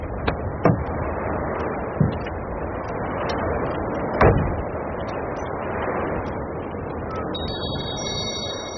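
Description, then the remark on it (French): A steady car engine rumble as a car pulls into a gas station, broken by a few sharp car door thumps spaced apart, with a high electronic beeping tone appearing near the end. “Il s'arrête à la station-service.”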